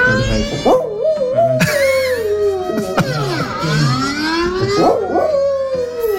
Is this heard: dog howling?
yes